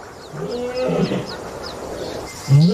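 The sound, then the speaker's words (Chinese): Deep, groaning roars from the lion Arthur in Katavi National Park come in two bursts, a longer moaning call early and a louder grunt near the end, while small birds chirp in a steady repeating pattern overhead. “而他不知道，另一头狮子也在慢慢靠近幼崽。”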